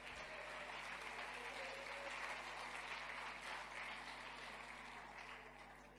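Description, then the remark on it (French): A crowd applauds steadily in praise of God, a dense wash of many hands clapping together that holds strong for several seconds before starting to taper off at the end. “Applaudis encore notre Dieu.”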